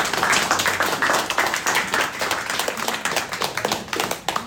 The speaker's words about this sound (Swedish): En applåd för mig.